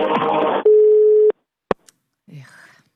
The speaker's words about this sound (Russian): Абонент сейчас не может ответить на ваш звонок. Его телефон занят. Попробуйте перезвонить.